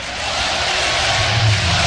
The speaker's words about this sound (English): Listen to this crowd.